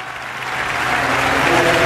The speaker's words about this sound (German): im majestätischen Jubelgesang brandet unfassbarer Applaus auf.